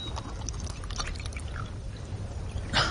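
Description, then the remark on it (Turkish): Water pours to give someone a sip to drink: a steady, textured trickle over a low rumble, ending in a brief louder splash. No one speaks. “Bir yudum su içireyim sana.”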